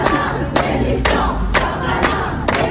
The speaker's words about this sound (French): Alors, la foule réclame la démission du garde des Sceaux.